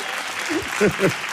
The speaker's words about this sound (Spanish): Un fuerte aplauso para todas las niñas y los niños del programa de Un Nuevo Sendero hasta el Manantial